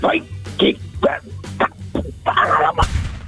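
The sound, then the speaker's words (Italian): A human voice imitates a dog barking for Porco Cane, the talking dog of the Italian radio show Lo Zoo di 105, giving a quick series of short, loud, punchy woofs in an irregular rhythm, ending with a sharper burst. “Vai, porco cane, fai bau bau.”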